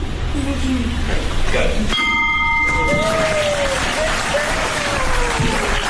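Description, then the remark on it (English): A single bell, rung to close out the day's business meeting, rings out clearly with a bright, sustained tone that fades over about a second, set against steady applause and crowd noise. “So that really concludes most of our business items for the day, but I really cannot close out and hold this gavel and ring this bell without inviting those three special individuals to help me ring out the bell today.”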